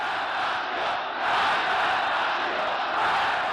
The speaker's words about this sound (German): Dort wird er als gottgleiche Figur empfangen. Millionen Menschen jubeln in den Straßen, sie sitzen auf Bäumen und Autos, um Khomeinis erste Rede zu hören.